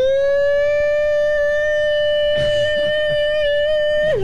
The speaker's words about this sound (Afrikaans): Ja, man, het luchtalarm wordt afgeschaft, hoor.